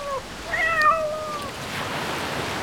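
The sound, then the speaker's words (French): A single drawn-out cat meow rises and then trails off, heard clearly over a steady background wash like surf or wind. No one speaks. “Ici, les chats sont partout.”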